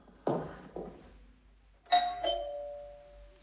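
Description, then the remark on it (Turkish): A doorbell rings with a clear two-note ding-dong chime whose tones ring on and fade, preceded by two dull thuds. No one speaks. “Birini mi bekliyordun?”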